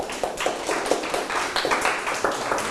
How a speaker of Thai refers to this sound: นั่งลงครับปรบมือให้เพื่อน